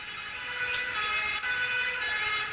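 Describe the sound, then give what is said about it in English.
Emergency sirens from ambulances and police cars converging on Whitehall after a mortar attack wail steadily, their high tones overlapping above a low rumble of road traffic, with no voices present. “Within minutes, ambulances and police cars converged on Whitehall.”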